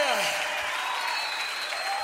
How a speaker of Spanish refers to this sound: Oh, dale fuerte ese aplauso al que es digno de honra, de gloria, de adoración, de alabanza.